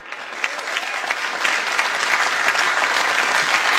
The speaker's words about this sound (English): Even though the applause has already happened, I'm going to do it.